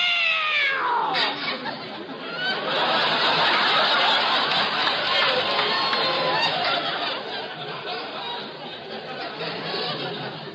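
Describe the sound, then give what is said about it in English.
A cat, stepped on in a pitch-dark house, yowls and meows loudly and continuously for about ten seconds, its wavering, drawn-out cries rising and falling in pitch with no pauses. “Oh, it was the cat.”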